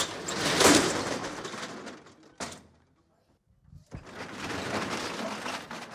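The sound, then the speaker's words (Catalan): The metal shutter of Rellotgeria Catalana, a clock shop on Carrer Cordereria in Palma, being raised at 4:30 as it reopens after the midday break: a loud, broad rattling roll, a sharp clank and a brief quiet pause, then another thud and a long steady clattering rumble. “Acabau d'escoltar com s'aixecava la barrera de veres”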